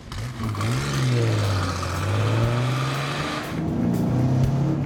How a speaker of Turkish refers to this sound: Evet, uzun zamandan beri Ford Capri kullanmamıştım doğrusu. Ve derhal V6 Colon 2.8 litre motoru hissettim. Çabuk hızlanıyor ve size güçlü olduğunu hissettiriyor gerçekten.